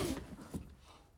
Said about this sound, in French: Qui a fait tomber son ardoise? Encore une élève sans soin, je vois.